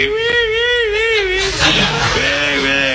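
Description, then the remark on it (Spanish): A voice imitates a widow weeping at a wake with a high, wavering wail that quivers and breaks off, followed by shorter sobbing cries, loud. “Estaba la viuda llorando, la viuda lloraba en el velo”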